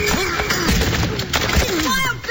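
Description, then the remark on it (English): Heavy, irregular thuds and crashing bangs as the door of the Banner office is rammed with shoulders, several blows over a couple of seconds, with raised voices and commotion running beneath them. “Put your shoulder to the door, Jingles. All right. Together now.”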